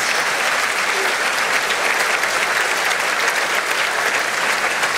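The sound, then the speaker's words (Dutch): Sustained, dense applause from a large concert hall audience as Princess Astrid, her husband the Archduke and their two youngest daughters arrive in the royal box, a steady wash of clapping hands at even loudness throughout, with no voices standing out above it. “Dat is het 2e applaus dat we nu horen.”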